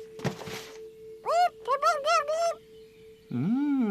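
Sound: bird call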